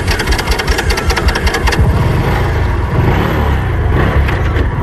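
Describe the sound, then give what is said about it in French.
Two eco-guards' motorcycle engines run loudly at the entrance of the Chinko airfield at dawn, a rough, rapidly pulsing idle at first that swells into a steadier, throatier rev and holds at a constant roar throughout. “Moteurs prêts, les éco-gardes se tiennent en alerte pour dégager la piste.”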